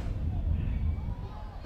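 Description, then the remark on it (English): A low, steady rumble of rolling thunder during a baseball game fills the short stretch, deep and sustained without a sharp crack, with faint crowd murmur underneath. “There was some rolling thunder I just heard.”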